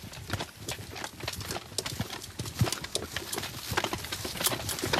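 Steady clip-clopping of a single horse's hooves on a hard surface, a quick repeated rhythm of sharp knocks over a busy, noisy background with no speech.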